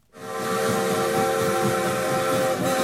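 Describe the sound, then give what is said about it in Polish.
A train whistle blows in one long, steady, loud blast over a rumbling rail noise at Opole Główne railway station in Opole, with no one speaking. “Opole Główne. Ten dworzec to miejsce, w którym za każdym razem swoje pierwsze kroki stawiają artyści przyjeżdżający na festiwal w Opolu.”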